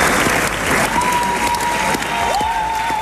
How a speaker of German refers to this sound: Zwischen den Jubelrufen und dem kräftigen Applaus gab es auch vereinzelt Buhrufe